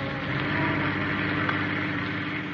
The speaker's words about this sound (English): And as the car speeds on to its destination, his mood is not of the pleasant.